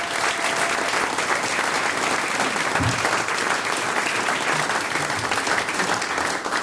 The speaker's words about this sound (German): Applaus für den gemischten Chor Bad Leupersdorf.